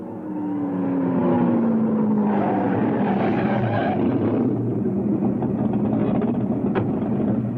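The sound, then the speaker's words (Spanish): A powerful red Ferrari engine rumbles loudly, its pitch dropping as the car slows and pulls up, then idling with a steady throaty growl; no one speaks. “¿Quieres que nos paremos y que nos bendiga un cura negro en un Ferrari rojo?”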